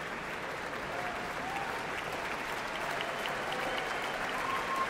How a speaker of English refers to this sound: More cheers. The audience here in Marian Anderson Hall clearly loves to hear these players out in front of their colleagues and just doesn't want to let them go. Their colleagues are also showing appreciation for these wonderful wind players